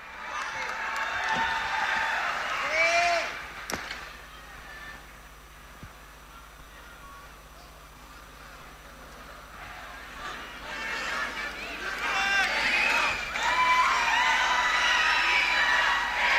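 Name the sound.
audience applause and cheering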